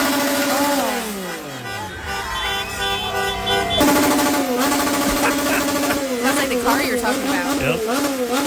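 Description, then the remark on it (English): Several motorcycle engines, revved by fans outside the windows at night in Mexico, rev loudly and continuously all night long, their buzzing pitch sweeping up and down in repeated throttle bursts, with a rough, rattling edge throughout. “Motorcycle.”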